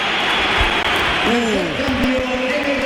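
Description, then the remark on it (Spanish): A large stadium crowd at the Bernabéu applauds Vinicius as he is substituted off for Álvaro Carreras, while he applauds the crowd back; a steady, dense roar of clapping holds the whole time, with a man's voice speaking over it in the second half. “Va a entrar Álvaro Carreras, se va Vinicius, que ahora él aplaude al Bernabéu, se lo devuelven, pero al principio ha habido un poquito de todo.”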